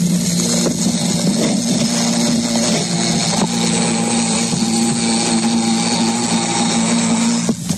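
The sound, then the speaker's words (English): A bumblebee confined inside a Dixie cup, flapping its wings, buzzing under a microphone suspended over the cup in a loud, steady, low-pitched drone with harsh, rasping overtones, holding continuously for several seconds with only slight wavering and no voices. “Now we shall hear the bumblebee with a microphonium suspended over the cup.”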